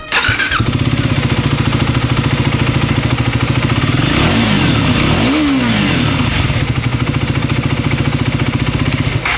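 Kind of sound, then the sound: vehicle, motorcycle engine revving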